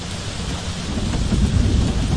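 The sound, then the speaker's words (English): Steady rain hisses while a deep, low thunder rumble swells and rolls underneath, growing louder toward the end, with no voices present. The thunderstorm is overtaking people riding bicycles. “This storm is right on our tails.”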